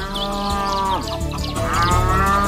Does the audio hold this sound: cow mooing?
yes